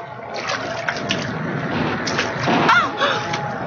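Rushing river floodwater roars steadily and loudly throughout, carrying logs down and crashing them against everything, with one sharp crash breaking through near the end, like a heavy log striking something in the current.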